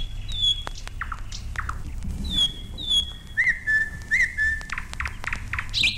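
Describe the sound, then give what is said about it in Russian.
A goldfinch sings a bright, jumbled stream of high chirps, twittering trills and short whistled notes over a steady low background rumble. “Щегол поет.”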